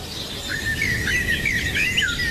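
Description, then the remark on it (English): Birds that have come into a house through an open window chirp and warble continuously in a bright, busy chorus of high trilling calls, steady, with no voices and a faint background hiss underneath. “That's what it's going to sound like in my house today. Birds. Yeah, I've left the window open. Birds have come in.”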